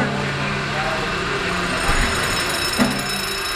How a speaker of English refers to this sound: Boy, that engine is smooth. I love when that engine takes off.